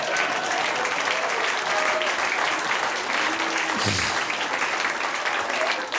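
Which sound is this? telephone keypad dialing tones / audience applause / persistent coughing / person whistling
audience applause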